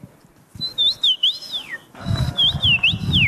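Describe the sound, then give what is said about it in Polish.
A person at the third Polish Championship in imitating birds whistles bird-like calls: two phrases of high, sliding warbles that rise and dip, separated by a brief pause, with soft rustling and low rumble underneath. “bo to ona zwyciężyła te trzecie Mistrzostwa Polski w naśladowaniu ptaków.”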